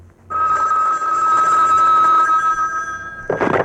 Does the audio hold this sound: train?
no